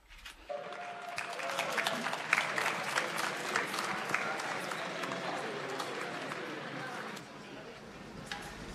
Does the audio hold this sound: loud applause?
yes